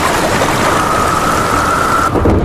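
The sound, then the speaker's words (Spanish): Heavy rain pours down in a dense, steady hiss, with a low rumble of thunder beneath it, at the start of the storm season. No one speaks. The storm sounds fairly loud throughout. “Comienza la temporada de tormentas y ¿tienes miedo de que se te inunde tu vivienda, negocio, garaje o trastero?”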